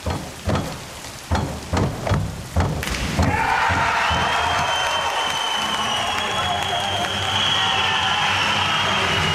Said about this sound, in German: So klang das am Abend in Paris bei der Schwimm-Europameisterschaft und der Jubel galt unserem Synchron-Wasserspringern Lou Massenberg und Jonathan Schauer aus Halle. Sekunden später gab es dann für Fans und Trainer die Bestätigung, das war Gold.